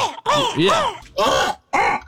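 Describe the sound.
A person imitates a crow's gargling caw: three loud, raspy calls with a rough, throaty texture. The first call is longer and wavers, and short pauses separate the calls.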